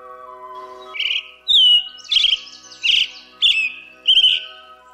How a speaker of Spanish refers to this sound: Aves de Veracruz. Mirlo Primero.